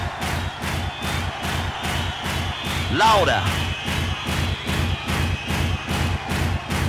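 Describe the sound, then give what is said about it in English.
A crowd stamps their right feet on the ground in unison on command, producing a steady, rhythmic series of heavy thuds about twice a second, with a voice briefly calling out over the beat. “Stamp your right foot on the ground.”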